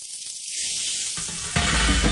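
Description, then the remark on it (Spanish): Food sizzles on a hot grill over a fire, a steady crackling hiss that starts fairly soft and swells louder and fuller toward the end, with no voices. “Fuego, parrilla y amigos.”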